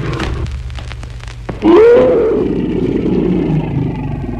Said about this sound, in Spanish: El tigre cayó sobre Calimán. Hombre y bestia rodaron por el suelo confundiéndose entre sí. Luego el tigre lanzó un rugido ahogado de muerte.